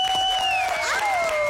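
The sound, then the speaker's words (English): A Masked Singer audience applauds and cheers for Buntle, the season 3 winner, in a steady, dense wash of noise, with a long, piercing whistle-like tone gliding above the crowd throughout. “Buntle, the winner of season 3, Masked Singer, round of applause.”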